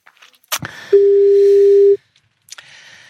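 A telephone line tone sounds while dialing a birthday call to Philippe Dana at 4:40: one steady, loud, low beep lasting about a second, framed by sharp handset clicks before and after, with faint line hiss.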